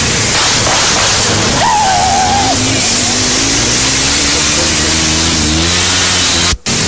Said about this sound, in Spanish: A ver, mire, ahí va la moto.